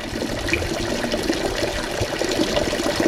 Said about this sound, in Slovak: Mňa ale pri vstupe do Spa Afrodite ako prvý zaujal liečivý prameň s vynikajúcou chuťou vody.